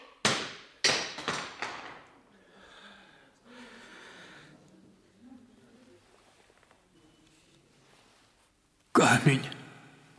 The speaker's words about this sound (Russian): Камень разбился.